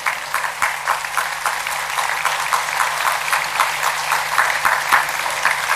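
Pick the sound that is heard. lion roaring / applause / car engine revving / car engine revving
applause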